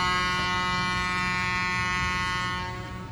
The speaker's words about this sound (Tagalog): Arabitan, i-play abitan ang busina sa barko. Pamatian ta abitan.